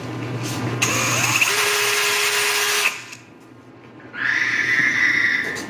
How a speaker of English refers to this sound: You're using your drill in the garage, and then you hear this weird noise when your drill goes off. What is that?